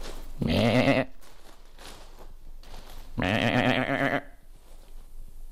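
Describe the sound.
A person imitates a young goat's bleat, two loud, wavering nasal cries a couple of seconds apart, with quiet pauses between and no talking.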